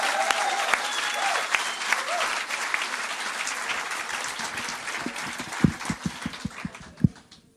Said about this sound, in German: Ich räume die Bühne und bitte das Publikum einen finalwürdigen Auftrittsapplaus für den ersten Finalisten, für den Mann aus Nürnberg,